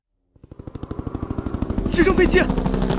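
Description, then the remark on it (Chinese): A helicopter carrying a Navy General Hospital surgical team, dispatched by Premier Zhou Enlai, arrives and lands at a worksite: a rapid, steady thumping of rotor blades grows louder and denser, and a higher engine whine joins the heavy beat toward the end. “直升飞机来了，降落了。”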